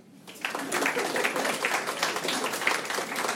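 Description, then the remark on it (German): A crowd in Bielefeld breaks into applause after a brief quiet start, answering the question of who is German. Dense overlapping claps hold steady and fairly loud for about three seconds, with faint voices mixed in. “Wer ist alles deutsch? Applaus.”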